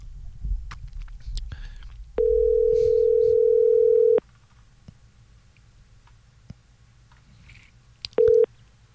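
A telephone line rings through the earpiece: a steady two-second ringback tone, then a pause with faint clicks and low rumble, then the tone starts again briefly before cutting off.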